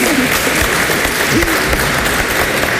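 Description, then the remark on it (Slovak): Steady, dense applause fills the whole clip, a continuous wash of many hands clapping at a fairly loud level, with faint voices murmuring underneath. “Mne sa zdá, že počujem potlesk, alebo...”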